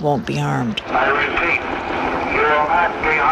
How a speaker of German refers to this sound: Und alles, was man währenddessen hört, ist ein Hubschrauber und eine Lautsprecherdurchsage, die immer wieder verkündet: Ergeben Sie sich mit erhobenen Händen, dann wird Ihnen nichts geschehen.